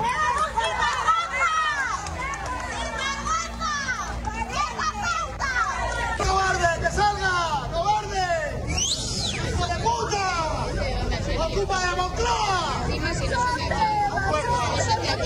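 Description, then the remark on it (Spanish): A loud crowd shouts insults and jeers at Spain's prime minister during his visit to an industrial complex in Noblejas, Toledo, many overlapping raised voices blending into a dense, agitated roar that barely lets up for the whole stretch. “Sí, son gritos, sí, subjetivos.”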